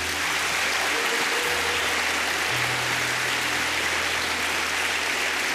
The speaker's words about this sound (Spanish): ¿Por qué no le dan un aplauso al Señor?